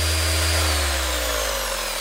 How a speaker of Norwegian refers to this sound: Nei, du må hjelpe meg litt der. Det er sirkelsaga. Så er ikke den båten borte innen en halvtime, så kapper vi av de 40 centimeterne.